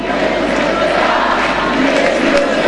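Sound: stadium crowd chanting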